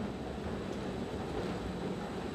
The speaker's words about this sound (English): The train chugs uphill at a top speed of 10 kilometres an hour.